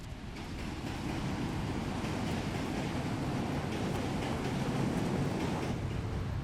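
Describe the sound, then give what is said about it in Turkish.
A train rolls steadily along the rails with a continuous low rumble and faint rhythmic clatter, fairly loud, with no voices throughout. “Ben de trene binerim.”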